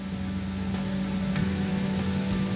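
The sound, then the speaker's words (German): A steady, loud hiss of pressurised water spraying against a car at a self-service car wash after the water setting is selected, with a low mechanical hum of the pump running beneath it throughout. The car is covered in insect remains. No one speaks. “Ich werde dir zeigen, wie man Autos wäscht. Zuerst tippst du auf Wasser.”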